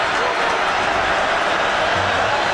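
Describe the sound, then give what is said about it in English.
A steady, loud roar from the crowd at Nissan Stadium during a Texans–Titans football game fills the whole clip, a dense wash of many voices with no single word standing out and no pauses. “Listen to this crowd.”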